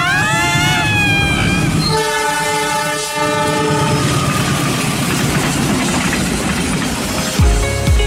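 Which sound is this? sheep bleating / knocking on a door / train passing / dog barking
train passing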